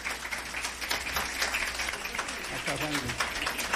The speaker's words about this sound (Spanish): Bueno, pues aquí está, y les pido un aplauso para Juan Guillermo Cuadrado, por favor.